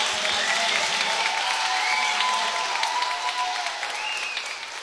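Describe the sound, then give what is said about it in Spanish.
A crowd applauds steadily, a dense wash of many hands clapping at once that stays loud throughout and only begins to ease slightly toward the end, with a few faint voices or whistles mixed in. “Un aplauso.”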